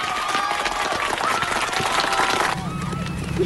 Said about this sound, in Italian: Un bel applauso per gli …!